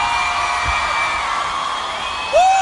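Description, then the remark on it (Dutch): A large crowd screams and cheers with a steady wash of applause, loud and continuous throughout, with a sharp rising whistle or whoop cutting through near the end. “Een hoop gegil, een hoop applaus”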